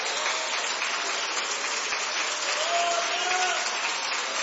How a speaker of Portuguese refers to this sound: Pode aplaudir, pode.